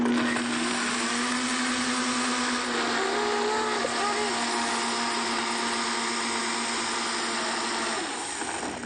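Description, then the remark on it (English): A blender roars steadily for several seconds, blending a fruit smoothie with apple pieces: a loud, dense whirring with a faint low hum and slight pitch wobble as fruit churns, easing off near the end. “Stuck one more piece of apple in, sorry. All right, so you better blend it.”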